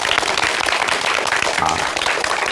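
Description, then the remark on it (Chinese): Steady, dense applause from an audience at a poetry recitation master class, welcoming Professor Yao Xishuang of the Communication University of China's broadcasting school; many hands clap at once in a continuous crackling wash that stays loud and even throughout, with no one speaking. “再次用热烈的掌声欢迎姚教授。”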